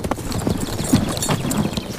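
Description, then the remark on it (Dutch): Horse hooves clip-clopping in a steady, rhythmic trot, moderately loud, with repeated hollow knocks over a faint background. “Totdat er op een dag hoefgetrappel klonk.”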